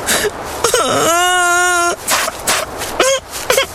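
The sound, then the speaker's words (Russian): A voice imitates a little hare crying bitterly: a rising whimper breaks into a long, steady, high wail, followed by a few shorter sobbing cries, all fairly loud. “Идет зайчик, горько плачет.”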